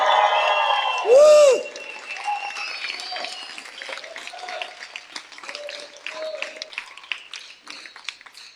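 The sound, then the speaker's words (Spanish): A large Christian audience applauds the Lord and cheers with a shout of joy, dense sustained clapping with shouts and a brief whistle-like cry near the start, the clapping thinning gradually toward the end. “Todos los que somos discípulos de Cristo, démosle un fuerte aplauso al Señor. Un grito de júbilo, todos los discípulos de Cristo.”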